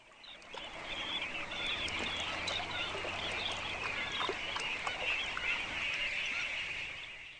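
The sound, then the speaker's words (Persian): A large flock of flamingos honks and chatters continuously at a feeding ground in Brazil, many overlapping nasal calls forming a dense, steady din, with a faint low rumble underneath and no voices. “اما فلامینگوها در اینجا مهمان نیستند.”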